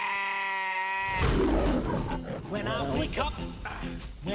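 Sheep in a shepherd's flock bleat, a steady drawn-out call at first, then several wavering, overlapping bleats in quick succession, fairly loud and rough-edged.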